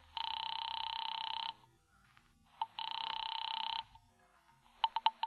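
A telephone rings twice on the line, two long electronic ring bursts separated by a pause, followed by a quick series of short tone pulses, with no one talking, as a call is placed to a bookie joint.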